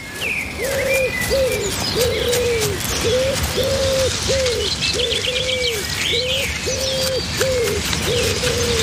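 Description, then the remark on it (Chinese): A magpie calls over and over as it follows a red fox, about fourteen short, even notes in a steady rhythm, while fainter high chirps from other birds flicker above a constant outdoor background hiss. “热闹的喜鹊一直跟在赤狐身后。”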